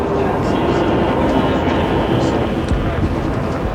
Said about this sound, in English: Again, the wheels move round and round as we head toward the capital from Chicago and the Baltimore and Ohio. This train.